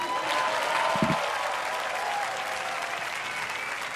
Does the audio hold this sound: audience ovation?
yes